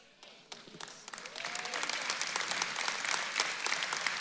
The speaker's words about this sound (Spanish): Wow, yo quiero que eso sea un aplauso más fuerte.